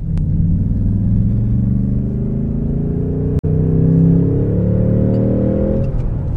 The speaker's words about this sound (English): So that was third gear, accelerating from 30 to 60 in third gear. And that will give you an idea of the torque of this V8 engine.